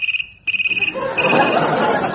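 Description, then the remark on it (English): A trimphone's high electronic warbling ring trills rapidly in two short bursts with a brief break between them, then fades under a loud swell of crowd noise. “I'm afraid it hasn't escaped my attention of late that you are, in fact, a trim phone.”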